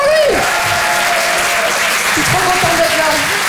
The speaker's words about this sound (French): Applaudissez-le bien fort, les amis.